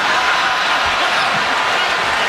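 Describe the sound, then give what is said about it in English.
A large stadium crowd roars with sustained cheering and applause after a joke, giving a standing ovation. It is a dense, loud wash of clapping and shouting that stays steady throughout, with no single voice standing out. “Dude, listen to the crowd after he nails this joke, though.”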